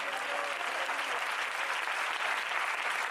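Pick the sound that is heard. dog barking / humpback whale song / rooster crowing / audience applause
audience applause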